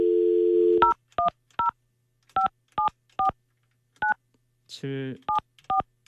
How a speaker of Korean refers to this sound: 문자 왔습니다. 전화를 제가 생방송 중에 바로 한번 해볼게요.